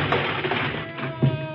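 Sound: door being kicked open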